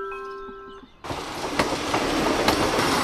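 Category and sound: vehicle, train arriving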